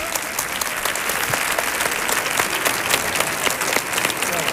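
Sustained audience applause, a dense crackle of many hands clapping at a steady loudness throughout, with no talking over it.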